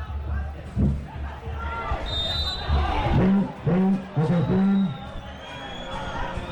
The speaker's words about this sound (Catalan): No sé si s'està escoltant per la retransmissió, però la megafonia molt activa avui a Camp Eixauet.